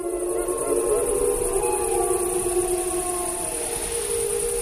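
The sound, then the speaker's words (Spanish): A pack of several wolves howl among themselves in the background in long, overlapping wails that rise and fall, a steady chorus of voices over faint background hiss with no talking. “Bueno, ya hablaremos de eso más adelante, pero los lobos aullan entre ellos, ¿no?”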